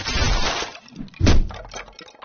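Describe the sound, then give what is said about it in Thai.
A heavy bael fruit falls from its tree and thuds onto a dry palmyra palm-leaf roof of a rabbit's nest, a loud thump with crackling, rustling leaves, followed by a second crunching impact and fading rustle. “ยังไม่ทันที่ความคิดจะจางหายไปจู่ๆผลมะตูมลูกหนึ่งก็หล่นจากต้นตกใส่บนหลังคาใบตาลอันเป็นรังของเจ้ากระต่าย”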